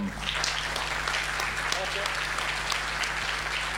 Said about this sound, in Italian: Eccoci qua, eccoci, un bel applauso.